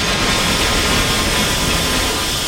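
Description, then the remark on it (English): Glass containers being dumped at a bottle-return processing facility make a loud, dense, unbroken crashing roar that holds steady for the whole stretch, with no pauses and no voices. “Sorry, the glass dumping's loud.”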